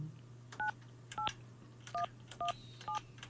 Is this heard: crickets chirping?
no